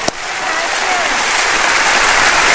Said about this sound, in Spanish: a quien yo pido que le den un aplauso de bienvenida.